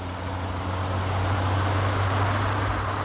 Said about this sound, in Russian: Не встретив тех двоих, они вскочили в машину. Вячеслав Борисович запустил двигатель и, поспешно рывками переключая скорости, пошел на утек.